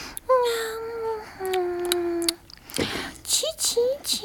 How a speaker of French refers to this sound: Oh, ils ronflent comme des locomotives. Oh, mais je crois bien qu'ils sont en train de me faire une farce.